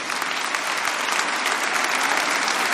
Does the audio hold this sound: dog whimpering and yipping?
no